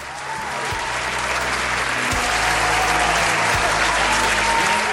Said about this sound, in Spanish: Esos aplausos son para nuestra hermana